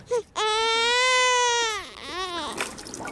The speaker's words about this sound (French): Si on avait enregistré un bébé qui pleurait.